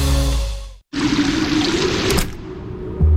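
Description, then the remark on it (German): A steady rush of warm water pours for about a second and a half after a brief silence, then thins to a faint trickle before a low tone swells in. “Drinnen 85 Grad, warmes Wasser und pure Entspannung.”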